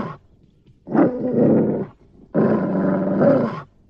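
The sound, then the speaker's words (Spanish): A dog growls aggressively in two long, loud, rasping bursts separated by a short pause, with no one talking. “Este maldito perro va a saltar sobre mí.”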